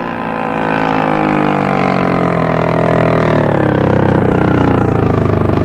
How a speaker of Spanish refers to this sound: Las lanchas se detienen cerca del casco por estribor.